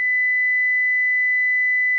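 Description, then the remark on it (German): A single steady pure tone, high-pitched and unwavering, holds at constant loudness for about two seconds with nothing else around it. “So that's a single sine wave, 2000 Hertz.”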